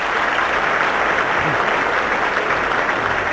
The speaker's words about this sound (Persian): به به شبنم تشویق کنیم فعلا. عالی.